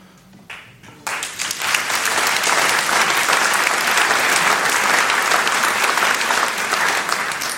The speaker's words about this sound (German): Applaus